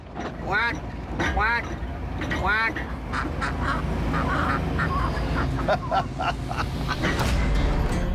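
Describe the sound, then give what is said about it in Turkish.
Three loud, nasal duck quacks in the first few seconds, spaced unevenly, on a farm in New Mexico, followed by a steady bed of outdoor noise and scattered faint chatter. “Şimdi ördeklerle iletişim kurup çok yakında bir göletleri olacağını söyleyeceğim.”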